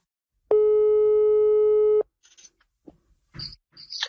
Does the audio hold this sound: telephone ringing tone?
yes